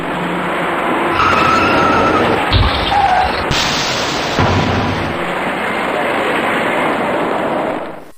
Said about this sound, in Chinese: 由于前方有些不太好走，行驶在辅路里面的车辆纷纷减速刹车，可驾车从后面开上来的这位白色小客司机并没有注意到前车的行驶变化，由于采取措施不及，白色小客撞到了前方一辆银色小客的尾部。